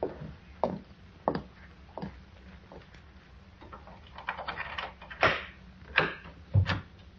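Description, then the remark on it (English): A storage closet door in a house basement opens and closes amid soft shuffling, with several irregular wooden clunks and bumps, the loudest coming near the end. No one speaks. “There's a storage closet. Get in here. I'll leave the door open a crack so we can watch him.”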